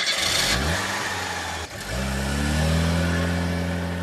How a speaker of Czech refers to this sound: Pak se inženýrovi rozloučili, paní pohladila Kopita po vlasech, nasedli do auta a odjeli.